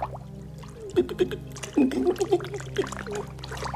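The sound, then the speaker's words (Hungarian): Water splashes and sloshes in a few irregular bursts as someone treads water in water too deep to stand in, with a steady low hum running underneath throughout. “Nem ér le a lábam. Kezd el lepni a víz.”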